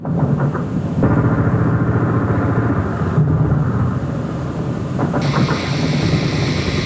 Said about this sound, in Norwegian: opplevde NRKs team hver kveld skyting etter droner som nærmet seg